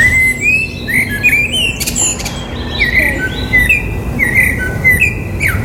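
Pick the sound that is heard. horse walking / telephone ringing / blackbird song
blackbird song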